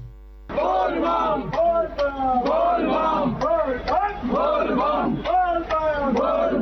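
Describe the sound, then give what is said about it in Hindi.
A large crowd of kanwariya pilgrims at Baba Baidyanath Dham in Deoghar, on the first day of the Shravani Mela, loudly chants Bol Bam slogans in overlapping, rhythmic bursts of many voices, sustained throughout after a brief quiet start, with a steady low hum underneath. “हमारे संवाददाता ने बताया कि पूरी बाबा नगरी बोलबम के जयकारों से गूंज उठी है।”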